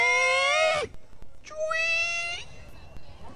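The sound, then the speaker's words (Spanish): Someone vocally imitates a creaking door opening with two drawn-out, squeaky tones. The first wavers and slides down, and after a brief pause a second, steadier squeal follows. “Compadre, y hasta que escucho un ruido de una puerta abrir.”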